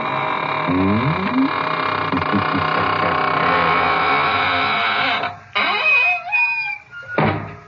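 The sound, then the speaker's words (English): A door creaks shut with long, rising, drawn-out squeals that waver in pitch over a steady background hum, ending in a few short scrapes and a soft thump. “And now it's time to close the squeaking door, so good night.”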